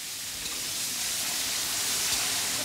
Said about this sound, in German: Das Fleisch brät Malika Sultanovna in reichlich Öl scharf an.